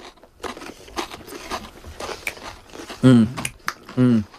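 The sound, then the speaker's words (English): Crunching and chewing of a Frito scoop corn chip loaded with homemade pimento cheese and smoked sausage, a steady run of crackly bites, followed by a couple of voiced murmurs of enjoyment. “a homemade pimento cheese with smoked sausage on a Frito scoop”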